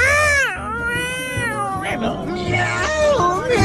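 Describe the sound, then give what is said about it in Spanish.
A person vocally imitates a surprised cat's yowl, a loud, drawn-out wailing sound with rising and falling pitch that continues for several seconds over a faint low background. “Más o menos como el aullido de un gato.”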